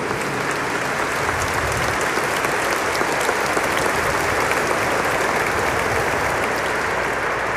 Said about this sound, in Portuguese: Por isso, eu acredito que nosso coração quer dar uma grande salva de palmas, de boas-vindas a todos.